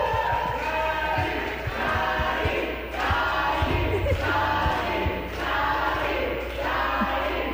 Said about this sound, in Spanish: Bravo, bravo, que suene fuerte ese aplauso, Bravo.